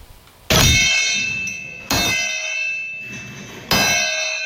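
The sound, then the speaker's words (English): A church bell tolls the Angelus: three loud, clanging strikes spaced a little unevenly, each leaving bright, sustained overtones ringing and slowly fading into the next. No one speaks. “The Angelus.”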